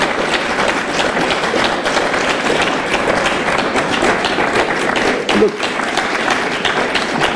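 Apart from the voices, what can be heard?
audience clapping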